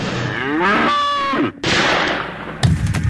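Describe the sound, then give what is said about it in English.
A bull lets out a loud, drawn-out moo lasting about a second, followed by a broad rushing noise and a sharp crack near the end. “I'm millionaire cattle rancher and NRA member Edgar P. Jenkins. Bull!”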